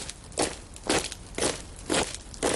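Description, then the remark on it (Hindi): Five steady, evenly spaced footsteps of people advancing at night crunch over gritty ground, each a short, crisp scrape at a slow walking pace, with no voices over them. “6 फरवरी सन 1948 की वो घनी सह रात, कुछ आगे बढ़ते कदमों की वो आहट जो कभी थोड़ी थम जाती तो कभी साफ सुनाई देती थी।”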